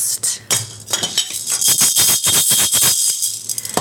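Maracas shaken in quick, uneven bursts, producing a bright, gritty rattle that runs steadily for a few seconds with no voices over it.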